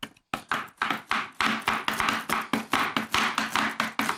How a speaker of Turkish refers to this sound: Eğit be bıçak sesleri.